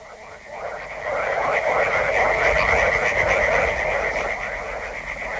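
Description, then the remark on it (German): A dense chorus of many frogs croaking at once in river backwaters, loud, their rapid overlapping pulses forming a steady, throbbing din that swells slightly after the first second and never lets up. “Die Frösche in den Altwässern, sie sind so laut, dass ich dich nicht höre.”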